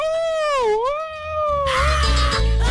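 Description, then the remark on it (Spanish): A voice imitates a siren with a loud, sustained wailing tone that dips in pitch and swings back up, then carries on level as a burst of rough noise rises beneath it. “Y ya le diga, ay, ¿cómo hace la sirena?”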